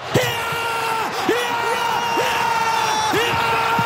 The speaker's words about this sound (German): Was für ein Jubel! Die Schweiz immer noch WM-Viertelfinal.